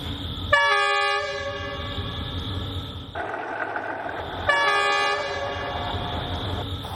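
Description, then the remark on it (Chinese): A Beijing S2 line suburban train rumbles steadily as it passes over Bridge No. 26 of the old Beijing–Zhangjiakou railway. Its low roar is punctuated by two long, loud horn blasts, the second starting a moment after the first ends. No one speaks. “或者先听着声音轰隆隆，听着声音就可以准备了。一会儿这个 S2 就要从这儿经过，看看能不能拍到跟百年前一样的角度哈。”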